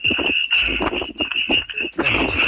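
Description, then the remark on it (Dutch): Running footsteps of a runner from team 282, the Delta Runners, pound in a quick, steady rhythm, with heavy breathing mixed in and a constant high whine running underneath. No one speaks. “En het lijkt erop alsof jij aan het rennen bent.”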